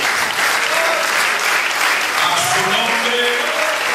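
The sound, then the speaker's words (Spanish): An audience breaks into sustained, dense applause for the Lord, a steady wash of clapping that holds at an even loudness throughout, with faint voices and cheers rising underneath near the end. “Un aplauso al Señor, ¿verdad?”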